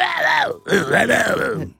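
A human voice imitates the call of a Tasmanian whale with two loud, moaning, groan-like phrases whose pitch swoops up and down, separated by a brief pause.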